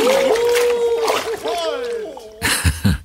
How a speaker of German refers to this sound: Keuchend und prustend schwimmen die Weihnachtsmänner im Eiswasser.